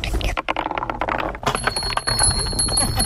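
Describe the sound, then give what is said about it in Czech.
Marbles clatter and tick rapidly along one of the new wooden marble runs in the park at Zámostí by the river in Česká Třebová, then small bells on the run start ringing with a thin, sustained chime through the second half, amid faint background voices. “Mně se líbí na tom, že nejsou k tomu i nějaký i ty zvonečky.”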